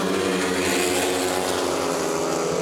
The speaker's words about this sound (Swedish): Motorbrum från Ljungheden i Västervik, det är just nu ledning för Matthias Czernak, en av lejonförarna som kamperar ihop med landsmannen Robert Schmil, som har det desto kärvare just nu. 3-3 läge halvvägs in i heatet.